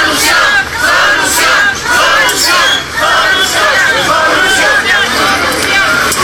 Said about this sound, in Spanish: Al lugar llegó el secretario de Educación, el cual le gritaron consignas que diera solución a la problemática y a las peticiones por parte de los maestros.